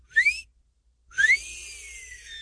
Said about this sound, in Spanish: el chiflidito para sus nenorras. Esas muchachillas.